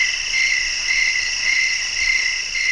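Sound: crickets chirping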